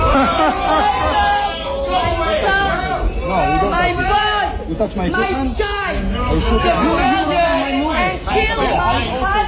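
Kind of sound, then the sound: crowd, audience shouting and booing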